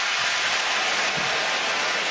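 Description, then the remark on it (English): A steady, dense roar of a basketball arena crowd cheering during a Knicks game, loud and continuous with no distinct voices or breaks, a wash of broad noise throughout. “Now the cheering you hear from the fans, I believe that the Knicks are going to challenge here.”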